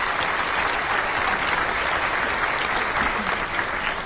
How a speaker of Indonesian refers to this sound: Ya, sekali lagi tepuk tangan untuk dewan juri dan para peserta.